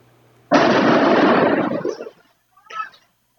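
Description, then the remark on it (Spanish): Molotov cocktails burst during an attack on a school, recorded from a workshop next to the school: a sudden, loud whooshing blast that roars for over a second before fading, followed shortly by a smaller, brief second burst. “Así, fíjese, ponga atención para los que nos acompañan por la radio, son las explosiones en este video registrado desde un taller al lado de la escuela.”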